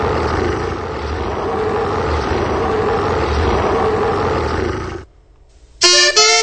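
A loud, rumbling tiger roar opening the radio programme 'La hora tigre' on La Campirana holds steady for about five seconds, then cuts off into a brief quiet gap before a short, bright tonal burst ends it.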